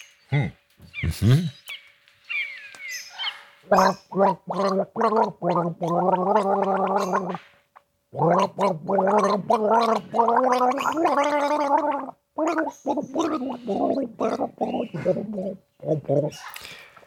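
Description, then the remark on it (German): A person gargles a melody for listeners to guess the song on a Radio Wien game show, the wet bubbling voice rising and falling in pitch through a rhythmic series of sustained, note-like bursts, with brief pauses between phrases and a few other sounds at the start. “Indem du jetzt brav gurgelst und alle dürfen mitraten, welches Lied es denn ist.”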